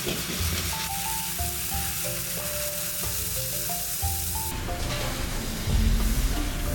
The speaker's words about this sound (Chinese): 当然鲟鱼本身也是一道诱人的风味，选用2年的公鲟鱼切成花刀，另取7年以上的鲟鱼的龙筋，也就是脊骨中的骨髓，一同放入锅中焖煮10分钟。